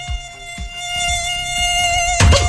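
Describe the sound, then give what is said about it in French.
A tiger mosquito whines in flight, a steady, thin, high-pitched buzz held loud, with a few soft low thuds underneath and a brief noisy burst near the end. “Il a interdit à tous les moustiques-tigres de voler.”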